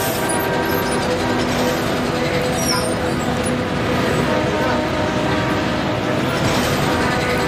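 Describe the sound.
A city bus rumbles along in traffic, its engine and road noise forming a loud, steady drone throughout, with indistinct voices faintly mixed in.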